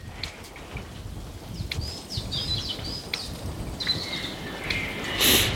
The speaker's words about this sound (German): Hört sich eher an wie ein sachte blubbernder Sumpf, falls Sie das hören.